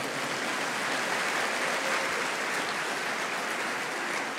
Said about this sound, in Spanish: Otro aplauso al Señor.